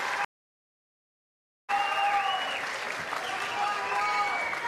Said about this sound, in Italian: tanti ragazzi qui, tanti giovani, tu hai vissuto, meritate un applauso sicuramente, siete caldissimi e vi ringraziamo per questo.